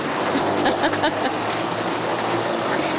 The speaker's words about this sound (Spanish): A ver, está lloviendo mucho, ¿eh? Ahí se escucha la lluvia.